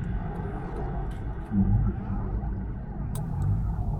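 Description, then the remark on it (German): A deep underwater whale call rumbles low and steady for a few seconds, swelling briefly in the middle, with a murky, droning background and no voices. “Und gleich dazu einige Informationen über Töne und Geräusche, die wir bei Walen kennen.”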